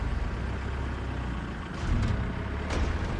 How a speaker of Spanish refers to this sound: Luego, llegando a la isla, los autos bajan del barco en fila.